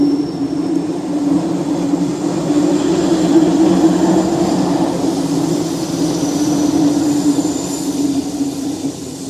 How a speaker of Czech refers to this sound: Velmi rád jsem tudy jezdil s tím vlakem s Barunkou.